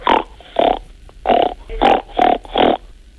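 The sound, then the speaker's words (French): A person imitates a pig with six snorty, nasal grunts in a steady rhythm, each short and fairly loud, with no talking in between. “Pour le cochon? Il fait ron.”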